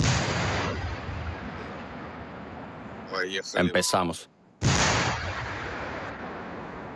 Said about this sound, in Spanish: Ahí viene un tanque. Se vienen los disparos.